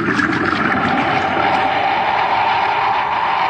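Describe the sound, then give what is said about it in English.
A mine's automatic pump, reversed, forces water through a pipe into the mine shaft, making a loud, steady rushing and churning that holds unbroken from start to finish, with no voices. “It's the mine's automatic pump. When the water reaches a certain level, it cuts on and draws off the water.”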